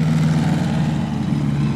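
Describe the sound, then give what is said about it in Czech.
An eight-cylinder OHV car engine, called OHABA, runs at a steady idle, its low, throbbing rumble continuous throughout, with no voices. “Jedná se o výbušný 8válcový motor systém OHV, zvaný OHABA.”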